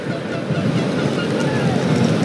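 A steady, loud rush of wind buffeting the microphone over a low engine rumble while riding a motorcycle at speed near Vichy, France, on a road drying after rain, continuous throughout with no clear voices.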